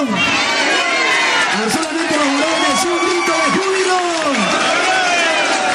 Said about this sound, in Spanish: Cuando yo digo un grito de júbilo, usted dice aleluya fuerte, que se escucha todo el Huancayo. ¡Amén! ¡Un grito de júbilo! Mira, hay una multitud de personas y pues, hermanos, lo podemos hacer más fuerte, ¿verdad? ¡Un grito de júbilo!